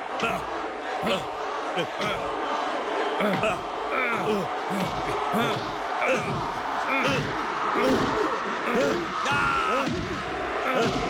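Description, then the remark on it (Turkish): Heavy punches thud in quick succession as Rocky Balboa lands blow after blow on the Russian, Drago, during a boxing fight, with a loud crowd roaring throughout and voices shouting over the din. “Rocky Balboa Rus'a ard arda yumrukları indiriyor.”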